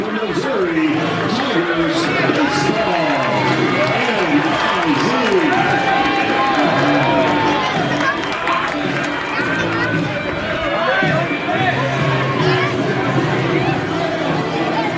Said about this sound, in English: Good crowd in attendance here today as Riker Waite tries to the plate for the first pitch of game two.